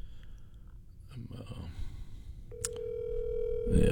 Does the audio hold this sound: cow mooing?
no